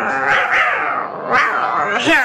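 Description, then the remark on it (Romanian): Several cats meow insistently while waiting to be fed, their wavering, rising and falling cries overlapping in a steady, unbroken chorus for a couple of seconds. “Stați, stați, stați pisicuțelor că vă dau la toate de mâncare, îndată, îndată.”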